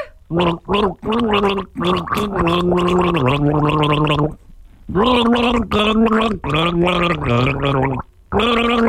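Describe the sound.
A person gargles the melody of a song by one of the bands playing next weekend at Savannah Sounds at Rexmill Park, the wet bubbling voice rising and falling in pitch across two long sung phrases with a brief pause between them, loud and with no talking.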